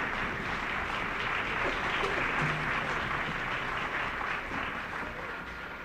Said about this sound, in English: American Variations by Jerry Billick. Colonel Arnold Gabriel conducted the Interlochen Arts Academy Band, and Colonel Gabriel has asked the band to rise and share in the applause.